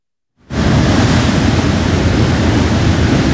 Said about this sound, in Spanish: Acá está un poco más fresquito, sí, tenemos que reconocer, estamos frente al mar, así que hay una brisa riquísima de este Caribe que se disfruta con todos los sentidos.